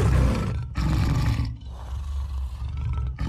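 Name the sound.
tiger roaring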